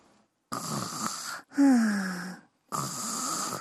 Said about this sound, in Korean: 어? 어디서 코 고는 소리가 나는데?